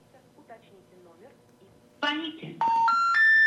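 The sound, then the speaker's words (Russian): Telephone line tones cut in after some faint, indistinct talk as a phone call is placed to a number found on a website: a burst of noise, then three loud, steady beeps stepping upward in pitch, each held about a third of a second. “Вот, позвоним.”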